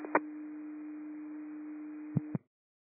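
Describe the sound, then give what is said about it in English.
A steady, loud electronic alert tone holds for about two seconds, framed by sharp clicks at the start and end, like a radio dispatch signal coming over a scanner. “When I copy the tones.”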